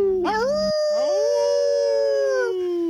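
A single long wolf howl, loud, sliding upward at the start and then holding a steady, mournful pitch for a couple of seconds before fading out. No voices.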